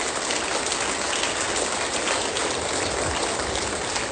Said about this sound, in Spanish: Suelte un fuerte aplauso por esa palabra.